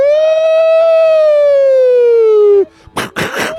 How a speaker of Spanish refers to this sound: Saludos a los polis que están aquí chamas. ¿Dónde están esas sirenas, hombre?